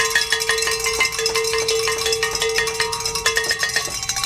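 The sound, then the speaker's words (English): Several cowbells are rung in celebration of reaching a goal. They clang continuously in a busy, overlapping jangle, with bright metallic tones and a steady ringing pitch, loud and without any voices. “We need more cowbell in this life.”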